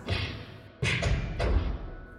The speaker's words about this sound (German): Hinter einer der Türen erklangen eigenartige Geräusche. Es klang fast wie Faustschläge.